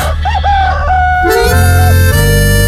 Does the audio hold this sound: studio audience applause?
no